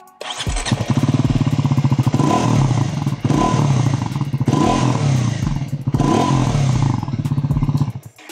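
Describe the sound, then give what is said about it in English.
A Royal Enfield Himalayan motorcycle exhaust revs up loud, rising in several throttle blips over a deep, thumping idle before settling down at the end; no one speaks. “I believe it is the best sounding exhaust in this segment.”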